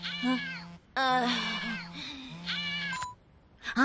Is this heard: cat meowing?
yes